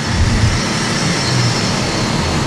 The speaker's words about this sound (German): Und ein dunkler Geländewagen mit polnischem Kennzeichen fährt kurz darauf auf den Parkplatz.